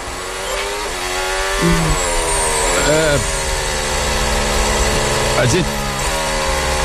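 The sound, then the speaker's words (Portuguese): Racing cars drive behind a safety car on a partly wet track, cruising at a steady pace in a continuous, loud engine drone, with occasional pitch swoops as engines rev briefly up and back down. “Continua o safety car rodando e os carros atrás ainda.”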